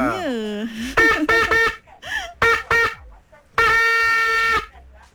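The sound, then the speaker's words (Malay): A car horn honks in a traffic jam on the road in several short blasts, then one long sustained blare, loud, after a brief wavering vocal-like tone at the start. “Horn tak boleh lebih-lebih.”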